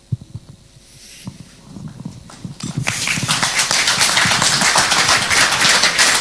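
Audience applause following two questions asked by a speaker. It starts as a few scattered claps, then swells after a few seconds into a dense, loud, sustained round of clapping with no talking over it.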